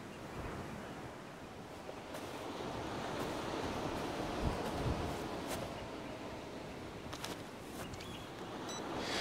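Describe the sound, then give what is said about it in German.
Steady wind gusts mixed with rolling surf on a beach, a broad continuous roar that swells slightly midway, with occasional faint ticks and no voices; the wind has eased after blowing very strongly in the morning. “Der Wind wird es reingeweht haben. Der ist jetzt schwächer geworden, aber heute früh hat er sehr stark geweht.”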